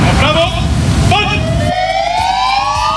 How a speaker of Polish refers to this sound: Włączamy sygnały świetlne, dźwiękowe naszych radiowozów, stajemy w postawie zasadniczej i salutujemy, oddając cześć poległemu policjantowi.